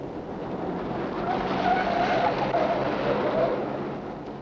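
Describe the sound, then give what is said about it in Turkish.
A car driven recklessly fast roars along at high speed with a steady, loud rush of engine and road noise, while tires squeal intermittently through the middle of the stretch. “deli gibi sürme arabayı!”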